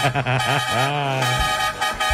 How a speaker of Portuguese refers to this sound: Bom dia, bom dia. Chama na buzina.